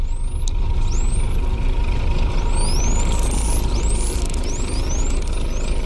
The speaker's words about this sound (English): I want to hear a little bit of a bottlenose dolphin whistling.